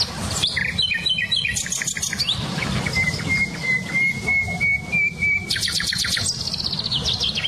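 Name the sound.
songbirds singing outdoors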